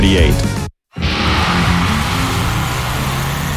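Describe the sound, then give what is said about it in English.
A loud truck engine roars and revs with a deep, rumbling drone at the 2026 Woodstock Truck and Tractor Pull at Connell Park Raceway. The noise is cut by a brief moment of silence before the heavy engine noise surges back and holds steady. “Watch stock diesel trucks, pro mod trucks, hot farm tractors, and more battle for pull honors.”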